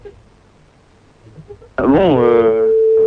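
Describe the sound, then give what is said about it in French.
A contestant's mobile phone rings as a radio show calls it during a prize game. The ringtone starts abruptly after a quiet stretch, a loud melodic tone that swoops in pitch and then settles into one sustained, steady note. “Pour l'instant ça sonne sur votre portable, vous n'avez plus qu'à décrocher et c'est gagné, c'est bingo.”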